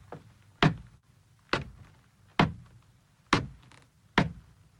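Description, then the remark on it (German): Footsteps on steep, creaking wooden stairs as people climb up one after another into a building toward the attic, a dog running ahead: five heavy, hollow thuds at a slow, steady pace, fairly loud, each ringing briefly in the wood. Nobody speaks. “Vorsichtig steigen sie nacheinander hinein. Das Licht flackert. Der Hund läuft voraus. Die Stufen knarren.”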